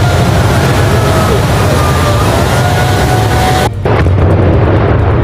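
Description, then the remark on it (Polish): A loud, sustained roar as 50 kg of dynamite brings down a shaft tower over 70 metres tall, 7,000 tonnes of reinforced concrete, at the former Jas-Mos mine in Jastrzębie-Zdrój, heavy low rumble filling several seconds, briefly cutting out near the end before the rumbling resumes. “W Jastrzębiu-Zdroju wysadzono wieżę szybową po byłej kopalni Jasmos.”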